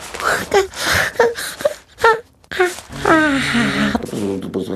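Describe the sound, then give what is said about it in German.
A voice acts out a long, drawn-out yawn by the little king (Der kleine König) as he tucks himself into bed: breathy gasps give way to a moaning tone that slides up and then sinks in pitch, fairly loud throughout. “Der kleine König gähnt.”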